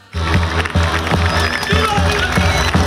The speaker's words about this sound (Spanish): Entre aplausos y vivas ha salido el Sin Pecado a las calles de Málaga. En una tarde bastante ventosa, unas 350 personas han hecho el tradicional desfile del Sin Pecado por las calles de la capital malagueña, previo al inicio del camino al monte.